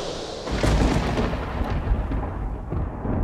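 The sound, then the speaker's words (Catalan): A loud storm roars without pause, deep rolling thunder rumbling beneath strong, gusting wind. The noise swells sharply after a brief moment and stays heavy throughout, with no voices. “els quals, tots aquests éssers vius, han de suportar periòdicament les altes tempestes, enormes huracans que viatgen d'est a oest.”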